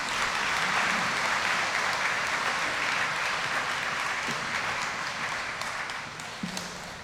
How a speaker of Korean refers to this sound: 큰 박수로 모시겠습니다.